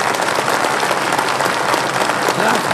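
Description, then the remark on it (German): A large audience at a recital evening claps steadily and continuously for a stage performance, a dense wash of applause with some cheering mixed in, fairly loud and sustained throughout. “Hör nur, wie sie jubeln.”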